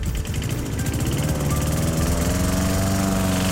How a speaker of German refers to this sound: Der Rasenmäher, der durch den schönsten Musikmix gefahren ist